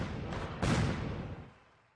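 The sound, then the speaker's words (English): A firework blast goes off in a radio advert for Tony Wink's Factory Outlet Fireworks in Winterset: a crackling hiss builds, then one loud boom bursts and rolls into a long rumbling echo that fades away over the next second. “I'm Tony Wink, and I got your boom boom.”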